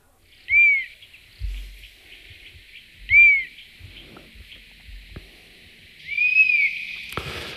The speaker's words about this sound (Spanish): Estamos escuchando el silbido de un halcón abejero, que es de los más frecuentes que atravesando el estrecho, por lo menos de los más visibles.